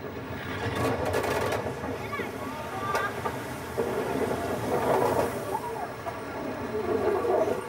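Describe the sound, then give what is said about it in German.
A steam train hauled by two steam locomotives rolls by on the Rhine line near Kaub, by the Loreley rocks, with a steady, loud rumble and hiss, broken by sharp clanks and rattling wheel noise that rise and fall over several seconds. “Doch keine Angst, die Lorelei wird unsere Dampfrösser nicht ins Verderben schicken.”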